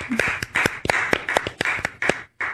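A brief round of clapping: sharp, bright hand claps in an uneven, fairly quick rhythm, about ten of them over a couple of seconds, with no voices, ending in a short pause.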